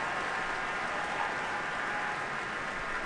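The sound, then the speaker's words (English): Steady, dense applause from a large audience for the St. Louis Symphony Orchestra, led by guest conductor Dalia Stasevska: a continuous wash of many hands clapping at an even level with no voices rising above it. “And after applauding the orchestra, guest conductor Stasevska has invited them to rise and has turned to the audience, joining the orchestra in a bow.”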